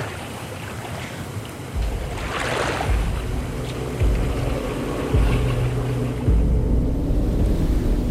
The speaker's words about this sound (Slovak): Tam dole na rieke sa čosi pohlo. Noc je síce tmavá, ale mám pocit, ako by rieka šumela inak.